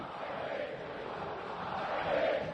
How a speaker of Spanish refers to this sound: La gente grita, la gente está feliz.